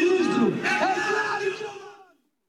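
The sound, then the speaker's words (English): A large crowd of voices shouts together in unison at a conservative street demonstration led by Bolsonaro, loud, sustained for about two seconds before trailing off. “Speaking from a sound truck alongside other conservative politicians, Bolsonaro sought to revive mass street demonstrations that were a hallmark of his father, though turnout fell short of the elder Bolsonaro's crowds.”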